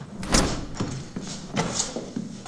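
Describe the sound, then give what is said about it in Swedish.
The door of a youth recreation centre opens as a man walks in, with a few scraping, sliding knocks and a short metallic squeak, followed by a soft thud. “Han spelar biljard när dörren till fritidsgården öppnas.”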